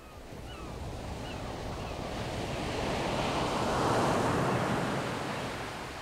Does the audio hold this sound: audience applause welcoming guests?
no